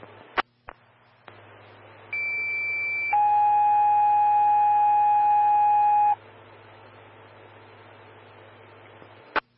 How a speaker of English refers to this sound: standby for tones on call 3 for a motor vehicle collision.